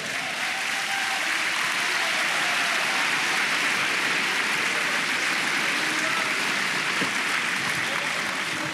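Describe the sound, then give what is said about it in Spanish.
A church audience claps for the Lord together in a sustained, dense wash of applause that stays loud and steady throughout, with faint voices mixed in beneath the clapping. “Hermano, dele palmas al Señor.”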